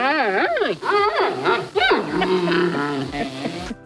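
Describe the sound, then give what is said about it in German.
A person imitates a cheering panda bear, letting out loud, swooping whoops and squeals that rise and fall in quick succession for a few seconds, like playful cheering cries. “Der Panda-Bär wird mit Ihnen jubeln.”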